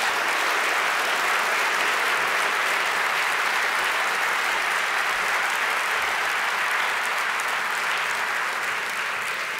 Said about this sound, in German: Und jetzt stehst du erstmal hier, das ist ja sowieso die Hauptsache, mit dem dritten Deutschen Kamerapreis. Einen großen Applaus und herzlichen Glückwunsch,